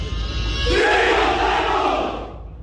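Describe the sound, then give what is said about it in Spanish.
A large crowd shouts together at an oath-swearing ceremony in Spain, a single sustained, loud collective roar, like a massed cry in unison, swelling after a brief lead-in and then fading out over about two seconds. “Nos has mandado unos sonidos, creo que de gritos, ¿no? En el momento de la jura”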